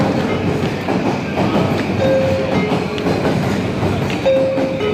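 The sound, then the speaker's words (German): A train rumbles steadily through Shinjuku Station in Tokyo, Japan, the world's busiest railway station, its dense, continuous roar filling the space, with brief high tonal squeals rising briefly above the noise. “Der Bahnhof Shinjuku in Tokio, der verkehrsreichste der Welt.”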